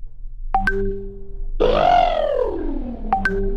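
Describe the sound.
A voice mimics an elephant's trumpet in one long, rising-then-falling blare, with short, sharp electronic chirps just before and after it.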